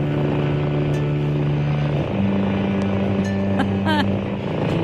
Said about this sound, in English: Sounds like a purry cat, doesn't it? I think I played it for Edna once and she looked very confused. It's calming though.